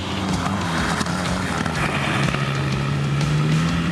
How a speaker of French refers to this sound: Le moteur a beaucoup de couple, il est plein à bas régime. Et ça rend sa conduite assez agréable.